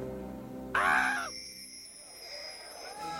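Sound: parrot squawking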